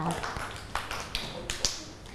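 Scattered, uneven hand claps from a few children in a class, applauding a classmate at their teacher's request, about half a dozen sharp slaps with no steady rhythm, heard over a low background murmur of voices.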